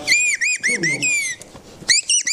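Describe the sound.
A person whistles an imitation of birdsong as a performance for people eating in a village: a quick series of bright, high, arching chirps, loud and clear, with a short pause midway and faint low voices murmuring underneath.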